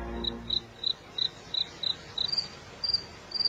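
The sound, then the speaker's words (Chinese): A cricket chirps in a steady, evenly spaced rhythm, about ten sharp high-pitched pulses over quiet background hiss, with no voices. “蟋蟀已经变成大人玩意儿了”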